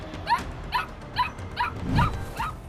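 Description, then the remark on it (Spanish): A dog barks repeatedly, about six sharp barks in a quick, steady rhythm, moderately loud and heard on its own with no voices. “Mira, ese bendito perro, son tan inteligentes”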